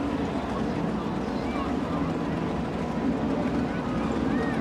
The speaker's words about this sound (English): That's a big boat. Yes, it is. Super big, super wide beam, probably 12 foot. Well, it has to be. You have six motors on it. Right? when five on the back is too much, six is just right.